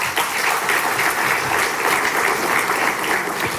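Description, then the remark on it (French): Sustained applause from a sizable audience for the attending ministers, dense and steady clapping filling the whole few seconds at a consistent loud level, with no voices breaking through. “On peut les applaudir également.”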